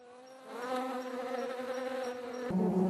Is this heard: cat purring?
no